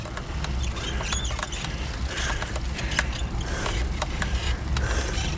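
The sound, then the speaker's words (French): A bicycle creaks and squeaks while being ridden, with irregular short high squeals and clicks repeating over a steady low rumble of motion; no one speaks. “Ouais, ça grince un peu, ça commence à mal.”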